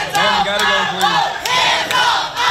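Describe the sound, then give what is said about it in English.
A crowd of protesters shouts loudly and continuously inside the Tennessee House chamber after the House passed a congressional map splitting the state's only majority black district, many voices overlapping in a raised, chant-like roar with sharp accented bursts recurring every half second or so. “Protests or shouted inside the chamber.”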